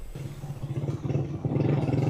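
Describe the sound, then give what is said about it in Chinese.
A motorcycle engine drones at a steady pace, its low rumble pulsing rhythmically and growing a little louder toward the end, with no voices present, as a China Media Group reporter rides the motorcycle toward La Guaira state, Venezuela, the area worst hit by an earthquake. “27号，总台记者乘坐摩托车向着拉瓜伊拉州行进，一路上能够看到有大量建筑物因地震受损，还能看到一些军车、救援车辆也在前往重灾区。”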